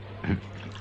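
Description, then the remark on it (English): A single quick squirt of pest killer from a bottle onto an ant on a desk, a short wet burst over a steady low background hum. “That's not a water bottle, sir. That's full of pest killer, you see.”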